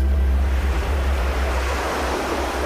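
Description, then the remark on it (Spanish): Steady ocean surf rolls and washes continuously, a loud wash of breaking waves with a deep rumbling undertone and no voices. “La marea baja un momento.”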